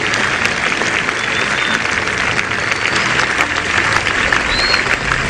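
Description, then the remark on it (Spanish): Sustained audience applause, a dense, steady wash of many hands clapping for several seconds with a few faint voices mixed in, greeting the diplomatic corps present at a ceremony. “Un aplauso, por favor, muchachos.”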